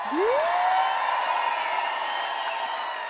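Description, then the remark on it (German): Audience applause for the lighting crew, a dense steady wash of clapping that stays loud for about three seconds, opened by a rising whistle or whoop from someone in the crowd. “Und kann ich eben so großen Applaus haben für Raphael Kunz und für Kilian Brocci am Licht.”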